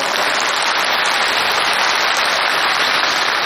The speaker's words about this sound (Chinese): 您各位是先鼓掌后欣赏。